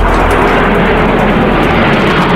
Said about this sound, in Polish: Wielozadaniowe maszyny przeleciały wcześniej nad naszym krajem od Gdańska przez Warszawę, Łódź i Kraków.